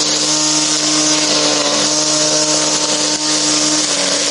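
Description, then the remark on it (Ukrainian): A small homemade lawnmower engine, built in a workshop from the wreckage of a Russian Molniya drone, runs steadily at high revs, a loud, buzzy motor drone with strong whine, continuous for the whole stretch, with no talking. “Із уламків російського безпілотника «Молнія» зробили газонокосарку.”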